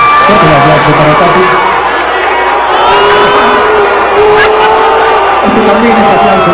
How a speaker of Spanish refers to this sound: A una dama casi de hierro, una dama de acero, la dueña de la nota, la señora Pati Chapoy. Fuerte el aplauso para Pati.